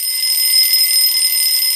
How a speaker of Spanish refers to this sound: El despertador.